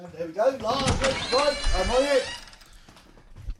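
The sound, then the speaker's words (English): A door to the outside opens with a long, wavering creak, its squealing tones rising and falling for about two seconds before settling into quiet and a soft thump. “So I'll go and open the door to the outside world.”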